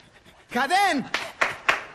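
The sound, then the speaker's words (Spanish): A drawn-out voiced breathy sound, then three quick, sharp huffing exhales in a steady rhythm: people panting like a dog in a 'small dog, big dog' breathing exercise for the diaphragm. “A ver todos, perro chico, perro grande, vamos, y...”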